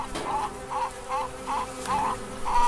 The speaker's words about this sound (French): Je suis devant le chèvrefeuille. Les abeilles sont par milliers sur le chèvrefeuille et ça me remplit le cœur de joie de les voir comme ça travailler et j'espère ramener du nectar pour faire du miel.